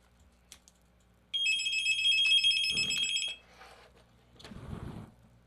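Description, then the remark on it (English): A telephone rings once with a bright, warbling electronic tone lasting about two seconds, followed by a short burst of clatter and a rustling handling noise. “But we got a phone call.”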